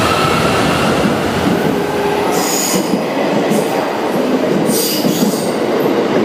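A narrow-gauge Limited Express train in Japan runs by with a steady, loud rumble of wheels on rails, punctuated by brief high-pitched squeals of metal; no voices are heard.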